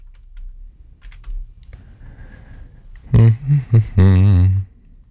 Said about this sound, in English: Stand by. I'm not going anywhere. I'm just typing.